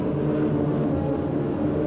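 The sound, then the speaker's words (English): A steady, droning aircraft engine hums continuously with a low, even rumble as weather planes circle the entire blast area of a test blast in the Pacific, waiting for ideal conditions; fairly loud, with no voices. “observation posts buzz with activity as weather planes circle the entire blast area, waiting for the most ideal conditions that will prevent disastrous radioactive fallout”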